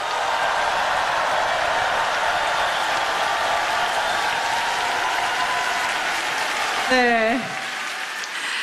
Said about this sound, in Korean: 여러분 뜨거운 박수를 아껴서는 안 되겠죠? 조금 더 박수 치겠습니다.